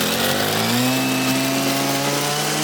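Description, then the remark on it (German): A brush cutter's small engine runs loud and steady while clearing a hiking trail, its buzzing whine rising slightly in pitch as it revs up, with a dense rasping roar throughout and no voices. “du machst mit der Muttersense schon einen bedrohlichen Eindruck”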